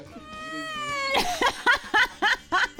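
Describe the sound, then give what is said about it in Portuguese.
A voice imitates a cat, starting with one long drawn-out meow, then giving five short, rhythmic meows in quick succession. The sound is fairly loud, with no other talking. “querendo ser gato aqui, gente.”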